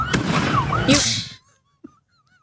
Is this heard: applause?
no